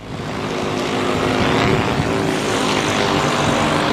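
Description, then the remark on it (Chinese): A steady, dense propeller buzz from a flying cargo drone fills the whole stretch, loud, with a broad whirring roar that holds constant without pauses or voices. The drone carries bamboo shoots, packed in feed bags, down the mountain at Ebian in Sichuan, China. “自己家种笋，自己买的无人机？”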